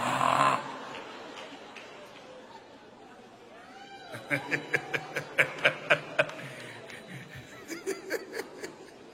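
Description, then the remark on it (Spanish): A person imitates snoring with a quick run of rhythmic, nasal snorting bursts, loud, then a few softer snorts trail off afterward. “Ustedes saben lo que dicen de las mujeres que roncan, ¿verdad?”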